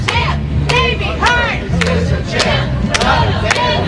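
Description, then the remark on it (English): A large crowd gathered outside a courthouse before a hearing shouts and chants together in a steady, rally-like rhythm, voices overlapping loudly with occasional sharp claps or bangs cutting through the dense babble. “A crowd gathered outside the courthouse to support Hearn before the hearing.”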